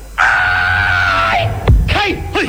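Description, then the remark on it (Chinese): A single man lets out a loud, drawn-out martial arts shout lasting over a second, after channeling the qi of his whole body into both hands, followed by a sharp slap-like crack and a couple of short vocal grunts. “哦， 当时我把浑身的气运到两只手上， 嗯， 大喊了一声。”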